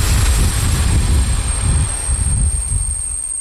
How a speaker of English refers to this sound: A small diesel train brought me to the town of Mikulov on the Czech-Austrian border in the southeast of the country.